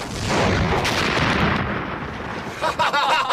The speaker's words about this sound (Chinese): 果然几分钟之后，在临时机场方向便响起了震耳欲聋的炮声。